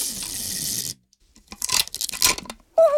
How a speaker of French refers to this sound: C'est vraiment rigolo de découper des morceaux de scotch. Mais qu'est-ce que ça colle le scotch ?